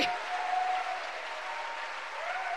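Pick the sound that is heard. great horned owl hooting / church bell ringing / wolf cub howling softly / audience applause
audience applause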